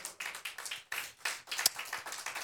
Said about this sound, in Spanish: Aleluya, dele palmas al Señor.